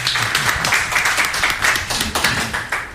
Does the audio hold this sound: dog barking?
no